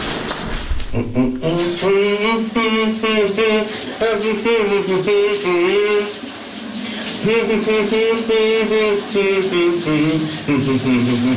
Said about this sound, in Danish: Det lyder, som om han børster tænder.